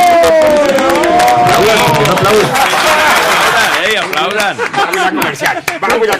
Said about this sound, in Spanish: Por favor, ¡un aplauso!